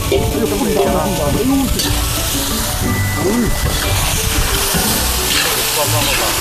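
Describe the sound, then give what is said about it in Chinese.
Loaches fry in a pot in the countryside, cooked simply with chili and homemade Northeastern-style sauce, with a steady sizzle and crackle, broken by scraping stirs, while voices murmur faintly underneath. “它是出水，咱们就撒，撒完直接就下锅，没有那么多，没有那么多料，也没有什么烂糟味儿，就地取材，就是最原始的做法，不搁所有的料什么的。”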